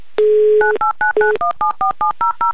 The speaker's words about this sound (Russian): Быстро, оперативно набрали номер телефона электронными пальцами.